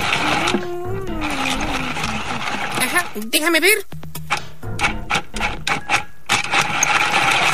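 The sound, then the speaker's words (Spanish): A pencil is sharpened with a rapid series of raspy, grinding bursts in an uneven rhythm, while a person talks briefly over and between the scraping. “Un momento, tengo que sacarle punta al lápiz.”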